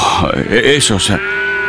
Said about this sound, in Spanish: ¿Qué significan entonces esos balidos de ovejas y esos bramidos de las vacas que oigo?